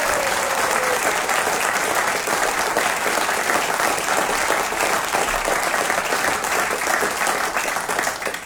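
A steady wash of audience applause, many hands clapping densely and continuously at a loud, even level for several seconds with no speech over it.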